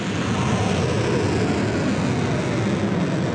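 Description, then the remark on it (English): A continuous, loud roaring rush as Iran launches missiles and drones at US military bases in Kuwait and Bahrain, a dense, steady blast of noise that holds without letup for a few seconds, with no voices. “Iran launching missiles and drones at US military bases in Kuwait and Bahrain in the first attack since the 60-day ceasefire deal was agreed nearly 2 weeks ago.”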